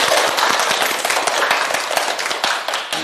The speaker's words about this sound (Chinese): 哎，不错啊，大家给他鼓掌。